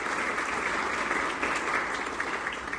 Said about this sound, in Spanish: Creo que antes de empezar y para despertarnos todos, se merecen todos un gran aplauso por estar el día de hoy aquí en esta reunión tan importante.